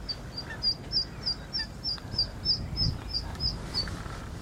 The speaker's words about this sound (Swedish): Även om vi inte fick syn på några sothöneungar just här, så är familjelyckan påtaglig nästan överallt runt omkring oss. Vart vi ser så är det änder och gäss med dunungar.